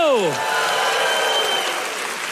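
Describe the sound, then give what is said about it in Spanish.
A crowd claps steadily as applause to the Lord, a dense, sustained wash of applause, with a brief falling vocal cry at the very start. “Yo daría un aplauso fuerte y dará un grito de júbilo.”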